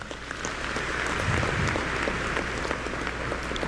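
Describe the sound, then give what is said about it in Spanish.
An audience claps steadily throughout for the music teachers and children who rehearse there, a dense wash of many hands, holding even in loudness for a few seconds without any voices breaking through. “Un aplauso, claro.”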